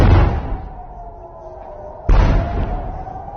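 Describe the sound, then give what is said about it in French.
Two heavy explosions boom in the sky over Jerusalem about two seconds apart, each a deep, loud blast followed by a long rolling rumble that echoes and fades, with no voices present. “2 lourdes explosions, c'était il y a moins de 2 heures dans le ciel de Jérusalem, précédées d'une alerte”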